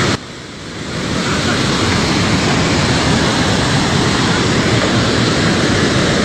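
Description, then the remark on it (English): A loud, continuous roar of rushing floodwater from a dam that has not yet fully failed swells up within the first second and then holds steady, a dense churning wash of sound filling the whole recording. “the dam itself hasn't fully failed. No. Are you translating for us, Gene? Yeah. She's hollering, big water,”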